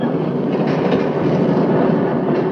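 Train wheels clatter over the rails in a steady, loud rumble, with a dense mechanical roar and faint rhythmic clacks running throughout. No voices are heard.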